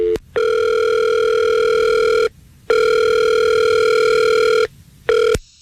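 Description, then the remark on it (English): Telephone ringback tone on an outgoing call to Adam's phone: two long steady electronic rings separated by a pause, then a short third burst cut off abruptly, loud with no talking. “See, now we call Adam's phone, and a woman answers the phone.”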